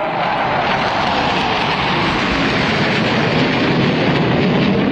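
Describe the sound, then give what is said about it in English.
F-15 and F-16 fighter jets fly past overhead in a scheduled flypast in the skies over Washington, in summer heat, during celebrations marking 250 years since the Declaration of Independence. A loud, sustained, steady roar fills the whole stretch, with no voices. “F-15 and F-16 fighter planes, though, don't melt in the summer heat and carried out their flypast in the skies over Washington to schedule.”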